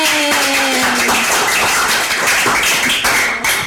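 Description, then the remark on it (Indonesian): A crowd applauds loudly and steadily for a few seconds, a dense wash of many hands clapping, with a brief falling tone gliding down underneath at the very start. “Tepuk tangan dulu untuk kita semua.”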